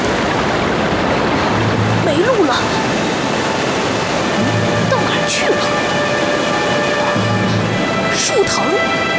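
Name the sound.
waterfall rushing water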